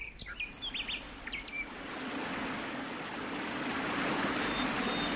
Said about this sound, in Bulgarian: Стигнахме най-после. Ето го, водопада. Но в тази долина няма жива душа. Скалисти зъбери ограждат от всякъде. Разпенени води я разсичат на две.